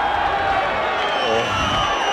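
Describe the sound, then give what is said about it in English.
A loud, steady roar of a stadium crowd at a football grand final, with sustained high-pitched whistling from Saints supporters running through it the whole time as Johnson lines up a goal kick. No clear voices stand out. “You can hear the whistles from the Saints supporters. It's loud.”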